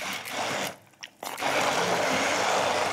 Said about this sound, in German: Und jetzt geben wir hier mal diese Brotkrumen rein und ich hoffe, dass der Pürierstab das schafft. Die sind geröstet vorher, ne? Genau, ist ein bisschen geröstet. Mal gucken, ob der das macht.